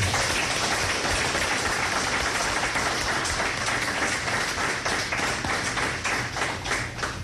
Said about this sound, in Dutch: Dat verdient waardering. En nogmaals, een applaus voor uzelf.